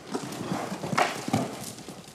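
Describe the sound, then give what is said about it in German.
Horse hooves clop steadily on the ground at a walking pace as a person leads the horse on a rope during groundwork training, a series of moderately loud footfalls in an even rhythm with a faint background hiss. “Jetzt hast du den überzeugt, dass du in Ordnung bist als Leithengst.”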